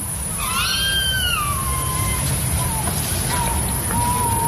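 Two little owls screeching: one long, wavering, shrill call rises and falls, followed by a few shorter, fainter cries, over a constant high insect buzz and low rumbling background noise.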